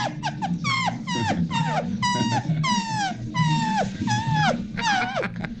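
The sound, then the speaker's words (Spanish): A small female dog lets out a rapid series of high, falling whimpers and yelps, roughly two per second, over a low, rough growl that continues underneath. “La perrita quiere bailar.”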